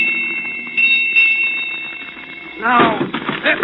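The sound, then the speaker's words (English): A ship's bell strikes eight bells with bright, sustained metallic tones that overlap and hang in the air, then a man's voice starts talking over the fading ring. “Here come the bells.”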